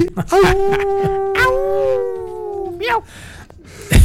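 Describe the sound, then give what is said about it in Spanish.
A person mimics a wolf howl: one long, sustained, wavering note that stretches for a few seconds before breaking off, with short bursts of vocal noise around it, loud. “Si es amigo del lobo feroz.”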